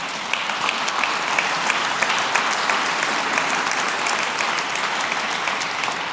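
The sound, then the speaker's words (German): A crowd claps steadily and loudly for several seconds, a dense, even wash of many hands with no voices rising above it. “Sie dürfen klatschen.”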